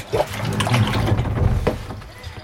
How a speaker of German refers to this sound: Philipp lässt die Pumpe in den einen Container hinein.